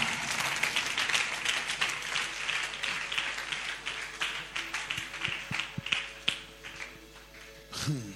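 A crowd at a prayer altar claps for themselves steadily throughout, a dense wash of many hands with individual sharper claps standing out near the end, fairly loud, with no talking over it.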